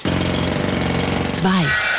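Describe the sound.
A Kango jackhammer pounds in a loud, rapid, steady rattle of hammer blows, then a voice briefly cuts in over the racket near the end.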